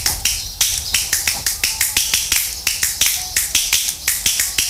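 A steady run of light, sharp claps made with two fingers against a palm, about four per second, thin and snappy with a bright high edge, with no talking over them.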